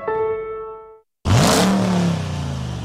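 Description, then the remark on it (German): A steady humming tone fades out, then after a short silence the V8 engine of a new 2026 Dodge Ram pickup truck, which runs on gas, roars to life and revs loudly. Its deep growl climbs in pitch, then holds at a rough, sustained rumble. “Sound ist zurück. Der neue 2026er Dodge Ram V8 und Liberty Cars in Falkenburg hat ihn wieder im Angebot.”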